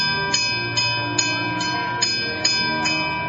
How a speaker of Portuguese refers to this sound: Então, naquele momento, Daniel tocou o sino daquele portão para dizer que ali estava alguém para falar com o rei.